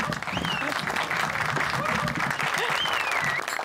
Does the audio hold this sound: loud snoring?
no